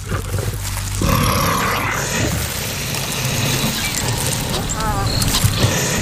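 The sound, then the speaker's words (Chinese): Six young lions and two honey badgers on the African savanna growl and snarl in a rough, continuous scuffle, loud throughout, with a harsher burst after the first second and raspy, wavering cries near the end. “在非洲大草原上，狮子是蜜獾最大的威胁之一。”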